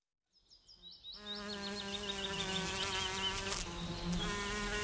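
A dense, steady drone of bees buzzing, rising in from near silence within the first second and then holding loud, the hum sustained without pause and no voices present.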